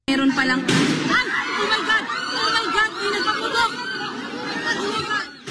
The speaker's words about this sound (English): In the Philippines, that country's Senate was thrown into chaos after apparent gunshots erupted inside the chamber during a live session in Manila.